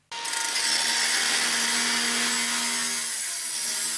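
Steady, loud grinding-saw noise from a power tool on a construction site in Großkreuz, in an open, light-filled warehouse hall where an apprentice plumbing and heating installer and colleagues work with metal struts to install a heating system; continuous for several seconds with a faint high whine and no voices.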